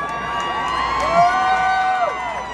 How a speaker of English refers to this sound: And for those of you f***ing booing us, some of us are not afraid.